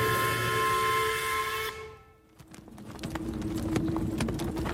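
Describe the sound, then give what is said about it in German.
A steady whistling drone cuts off, then horses' hooves clop in a quick, irregular rhythm over a low rolling rumble, like a carriage moving along a rough road, moderately loud. “Ob wir den Pferden eine Pause gönnen”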